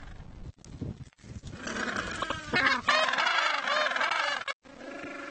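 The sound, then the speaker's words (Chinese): Penguins seeking their former mates call back and forth in loud, harsh, braying cries that overlap almost continuously, with only brief gaps between bursts and no talking. “尽管分开了这么久，他们仍会记得彼此的叫声。”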